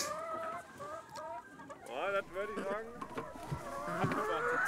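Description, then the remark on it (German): Laying hens on a farm in the cold season cluck and chatter in a busy, overlapping chorus of short, bright calls with a few rising squawks, continuing steadily throughout without any talking. “Die Hühner legen auch in der kalten Jahreszeit konstant viele Eier.”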